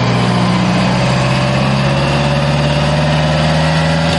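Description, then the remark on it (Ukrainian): The engine of a 155-mm Paladin self-propelled howitzer of the 93rd Separate Mechanized Brigade idles as it takes up a firing position on a slightly foggy day, a loud, steady low rumble with a throbbing hum that holds unchanged throughout. No one speaks. “155-мм САУ «Паладін» займає вогневий рубіж.”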